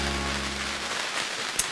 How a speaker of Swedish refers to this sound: God morgon från Norra hamnen i Ekenäs. Det spöregnar så det kan vara att det sprakar lite här i omkring oss, för vi sitter i en båt nämligen.